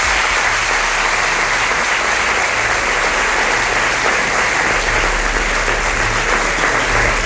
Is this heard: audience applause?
yes